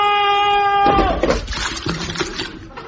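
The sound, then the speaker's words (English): A sustained, wavering tonal whine breaks off into a loud rush of churning, splashing water from a turning water wheel that a man has jumped onto, continuing unevenly to the end. “I wonder why he's jumped onto the water wheel.”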